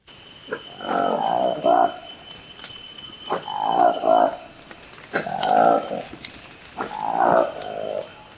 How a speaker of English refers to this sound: Now this is the remarkable sound of a newly discovered monkey in the Democratic Republic of Congo. It's called the Likweli monkey. Its distinctive feature, apart from the strange noise it makes, is bright orange lips framed by a furry black face.